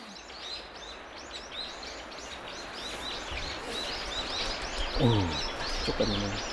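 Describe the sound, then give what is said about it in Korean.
Birds call steadily over a soft outdoor hiss, among them a jay that has come to eat persimmons, with repeated high, thin chirps throughout and a couple of lower, harsher harmonic calls near the end. “어치가 왔구나. 감 먹으러 왔구나.”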